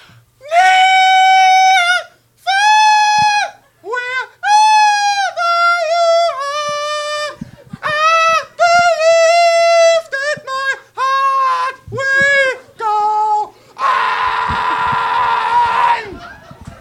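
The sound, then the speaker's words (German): A nightingale named Nora screeching shrilly and unpracticed, missing every harmony: a run of loud, piercing squawks in uneven bursts, some wavering up and down in pitch, ending in a long, harsh, raspy screech. “Das schrille, ungeübte Kreischen, das zum Trommelfell zerfleischen, der kakophone Notenschwall, der stammt von Nora, einer Nachtigall.”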